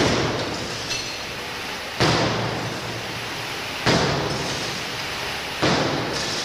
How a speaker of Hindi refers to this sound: बस ये देखिए, तो अब ये 10 किलो के हथौड़े ने लगभग 4-5 बार इस कांच पर वार किया है, मारा है।